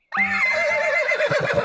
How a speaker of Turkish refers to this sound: Artık ne dediğini de anlamıyorum. Kişneyip duruyorsun.